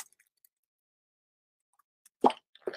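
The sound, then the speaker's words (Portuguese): After a long silent pause, someone sips water: two short, wet gulping plops in quick succession, the first slightly louder, with no talking. “Vou tomar um golinho de água, viu?”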